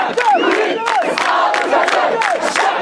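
A protest crowd shouts slogans in a dense, continuous roar of many voices, with rising and falling chanted pitches and bursts of yelling, loud and sustained throughout.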